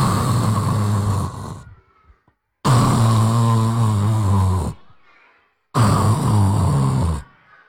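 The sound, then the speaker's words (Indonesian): A voice imitates the loud snoring of a sleeping mouse deer: three long, rasping snores, each about two seconds, separated by short quiet pauses, prominent. “Tidurnya ngok. Siapa yang tidurnya masih ngorok?”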